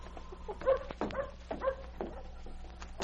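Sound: dog barking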